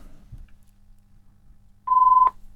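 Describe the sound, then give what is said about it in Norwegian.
A telephone rings once, a single short electronic tone, steady and fairly loud, heard near the end after a quiet low background hum. “Og der ringer det.”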